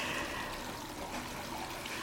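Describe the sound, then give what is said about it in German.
Water from a small tabletop fountain trickles and splashes steadily, a continuous soft bubbling with no pauses and no voices, fairly quiet. “Viele finden das Wasserplätschern beruhigend.”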